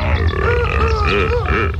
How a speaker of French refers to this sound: Ça y est, nous sommes dans la savane. C'est le pays des animaux. Je m'approche doucement d'un couple de lions et de lionnes. Oula, ils crient. Ils vont s'accoupler. Écoutez-les.